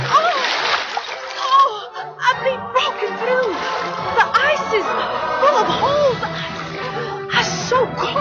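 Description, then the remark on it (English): Continuous splashing and sloshing through water as a woman breaks through thin ice at the edge of a river, the water nearly to her knees; steady for several seconds, with a voice murmuring beneath the busy watery churn. “She charged onto the edge of the thin ice and almost immediately broke through, the water coming nearly to her knees.”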